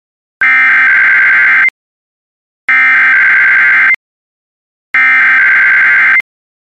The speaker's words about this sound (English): This is the National Weather Service in Mobile, Alabama. The preceding signal was a test of the NOAA Weather Radio Warning Alarm device for stations K-East C-61 Mobile, K-East C-86 Milton, WWF 55 Jackson, KIH 59 Dozier, WNG 646 Brooklyn,